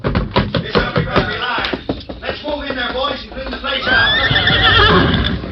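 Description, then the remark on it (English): A horse neighs loudly, its whinny rising and wavering into a long, shrill cry toward the end, preceded by a jumble of quick tapping and knocking sounds. “Keep low till we get through the back door, then run for the horses.”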